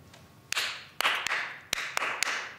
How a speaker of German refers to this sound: Die Gruppe soll in dieser Rhythmusübung gemeinsam im Takt klatschen. Dafür müssen sie die Abfolge erstmal herausfinden.